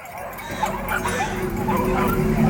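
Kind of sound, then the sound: animal, dog barking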